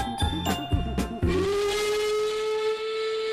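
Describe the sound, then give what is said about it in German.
A steam train whistle sounds loud: a few short rhythmic blasts at first, then one long steady whistle tone that holds to the end, with a hiss of steam beneath. “Doch dann pfeift sie und sie bimmelt, rattert, knattert, dampft und faucht, ruckelt, zuckelt, klappert, plappert, bebt und bippert, rollt und raucht.”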